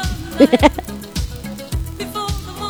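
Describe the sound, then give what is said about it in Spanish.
A horse whinnies briefly near the start, a loud quavering neigh broken into a few rapid pulses, then fades into quieter background noise with faint scattered sounds. “¡Ay, para el caballo!”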